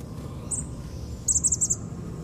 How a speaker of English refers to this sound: One of the little birds is moving around in the Indian plum. A couple of chickadees, I think.